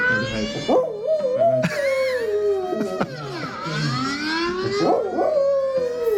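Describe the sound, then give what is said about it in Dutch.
A dog howls in long wavering tones alongside a loud, sweeping emergency alarm siren sounding during an alarm test, with short yips breaking through as both sounds rise and fall together. “stuurde net een heel grappig filmpje van haar hond.”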